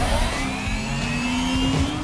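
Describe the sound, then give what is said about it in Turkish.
A car engine pulls hard under acceleration during a speed test, reaching 96 km/h in 8.1 seconds, a steady, loud drone whose pitch climbs smoothly over two seconds, with no one speaking. “Saatte 64 kilometre ve 96'ya çıktık bile.”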